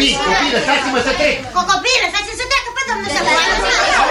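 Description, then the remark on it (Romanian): A crowd of children playing in the road chatter, shout and laugh all at once, their high overlapping voices filling the space in a continuous, lively din. “Copii, copii, lăsați-mă să trec!”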